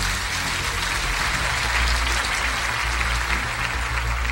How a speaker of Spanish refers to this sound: Ahora dale un aplauso al Señor antes de sentarte.